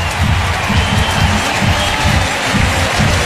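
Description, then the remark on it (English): A large baseball stadium crowd in Milwaukee roars and cheers steadily after Christian hits a stand-up double in the bottom of the ninth, a loud, dense wash of voices and applause with rising swells throughout. “And that will get the crowd to its feet and activated here in Milwaukee.”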